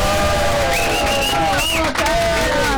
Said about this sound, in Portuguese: Aplausos!